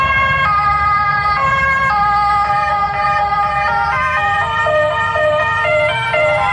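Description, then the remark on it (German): A loud ambulance siren wails continuously, its two-tone pattern alternating between high and low pitches in a steady rhythm, with a low rumble of road traffic underneath and no voices. “Das war jetzt die Rettung, okay.”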